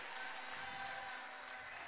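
An audience applauds a couple from the Valparaíso region of Chile, many hands clapping together in a dense, even wash of sound that holds at a constant level through the whole short stretch, with no voices standing out.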